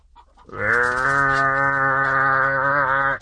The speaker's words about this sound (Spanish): Y se oía un bramadero de vacas.